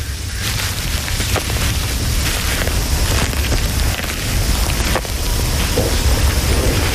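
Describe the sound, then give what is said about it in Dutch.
Steady, heavy rain hisses throughout, with a deep rolling rumble of thunder underneath that grows heavier, as if a storm is drawing closer. No voices. “En het onweer komt dichterbij, volgens mij.”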